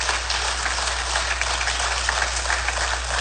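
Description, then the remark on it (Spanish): Audience applause for the Lord and his word fills the whole clip, a dense, steady wash of many hands clapping at an even loudness, with no voices rising above it. “Alguien debería aplaudir más fuerte al Señor y a su palabra.”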